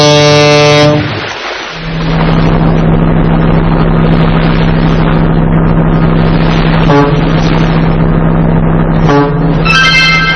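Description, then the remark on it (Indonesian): A ship's engine drones steadily at a harbour with a deep, continuous hum, while a loud ship horn blasts at the start and again at the end, with brief tonal bursts between. “Kita bisa naik kapal laut jika ingin mengunjungi pulau-pulau di Indonesia.”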